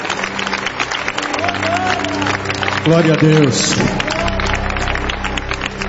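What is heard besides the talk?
audience applauding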